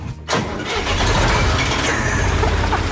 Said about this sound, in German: Ein Fendt-Gerätetraktor mit Kipper vorne dran aus dem Jahr 1977.